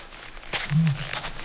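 A male ostrich, one of a group of male ostriches calling in turn, gives a single short, deep booming call. It is a low hum lasting about a quarter second over a faint hiss of outdoor background noise.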